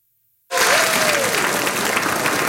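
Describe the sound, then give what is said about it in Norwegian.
Sustained applause from a large audience at the festive premiere of the film Kjærast at Det Norske Teatret bursts in after a moment of silence and continues steadily, a dense wash of clapping from many hands filling the hall. “Det var stor applaus i salen under festpremieren på filmen Kjærast.”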